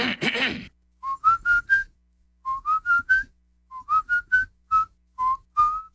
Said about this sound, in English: I have a lot of people tell me they hear me whistling on the radio.